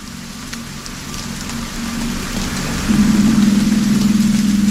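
Steady, dense rain hisses without pause, a continuous wash of falling water, in music from the score of Martin Scorsese's film Silence. Partway through, a low droning hum swells in beneath it and holds to the end. No voices.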